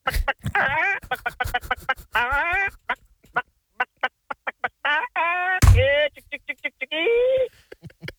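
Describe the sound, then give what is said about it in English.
A person imitates a chicken with loud vocal clucks: quick staccato bursts broken up by longer, warbling squawks, repeated for several seconds with brief pauses between. “Right, we got the chicken gags going.”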